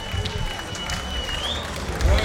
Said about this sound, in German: Ja, und der ist auch verdient, der Applaus.